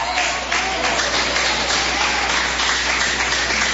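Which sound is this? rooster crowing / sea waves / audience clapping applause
audience clapping applause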